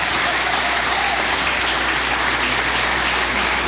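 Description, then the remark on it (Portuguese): An audience applauding to welcome the pastor and glorify God: a dense, steady wash of many hands clapping together, loud and continuous throughout, with no voices standing out above it. “Todos com a palma.”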